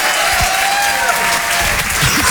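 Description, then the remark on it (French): Loud, sustained applause from an audience at the Rire et Chanson Comedy Club for comedian Guillaume Sans-Tout, a dense steady clatter of many hands clapping with no break, with faint voices mixed underneath. “C'était Guillaume Sans-Tout sur Rire et Chanson, on peut l'applaudir très très fort, bravo Guillaume.”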